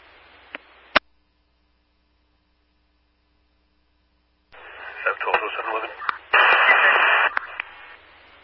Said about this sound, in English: Sam 13, your traffic was all static.